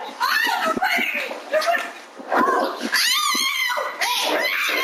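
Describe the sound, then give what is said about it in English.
A woman screams and shrieks in panic as dogs attack her, knocking her over and repeatedly biting her while she was playing with them. The cries are loud and close, rising and falling frantically over nearly five seconds with only brief gaps between them. “A friend of McDonald's was playing with the dogs when she was knocked over and repeatedly bitten.”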